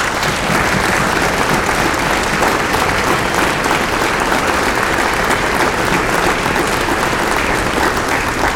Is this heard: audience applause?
yes